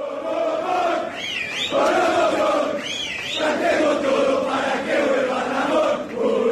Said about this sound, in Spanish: Sí, se gritó de todo en el hall, pero se pidió por un entrenador. Hay gente que quiere la vuelta de este señor.